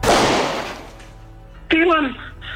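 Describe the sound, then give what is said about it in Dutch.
A single loud gunshot, one shot firing three bullets, cracks at the start, its echo fading over about a second, before a voice begins speaking. “Eén schot, drie kogels.”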